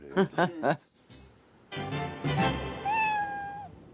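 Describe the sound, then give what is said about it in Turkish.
A cat meows several times in quick succession, then a longer, drawn-out meow rings out over a busier background with some talking mixed in. “Kedi aldı o zaman. Başka bir seçenek yok. Kedi getir buraya.”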